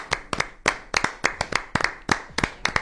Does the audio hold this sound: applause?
yes